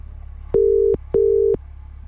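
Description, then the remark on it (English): A telephone ringing tone heard while placing a call: one double burst of steady electronic tone, two short pulses close together, over a faint low hum. “Who are we ringing?”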